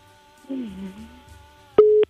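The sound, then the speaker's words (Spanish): A telephone busy tone sounds after a hang-up: a loud, steady mid-pitched beep breaks in abruptly near the end, following a softer, low wavering hum earlier on. “¡Colgó!”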